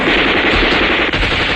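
A loud, sustained burst of rapid gunfire, shots overlapping into a dense, continuous roar of weapons firing together, unbroken for the whole stretch with no voices, as the Ruijin Regiment fires on enemy troops crowding a pontoon bridge at the Wu River.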